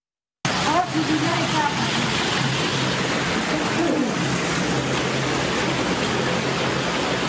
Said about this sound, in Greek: Βίντεο που καταγράφηκε την ώρα της ισχυρής καταιγίδας αποτυπώνει τη στιγμή που τα νερά έχουν εισβάλει σε σπίτι, μετατρέποντας το εσωτερικό του σε μία μεγάλη λασπωμένη λίμνη.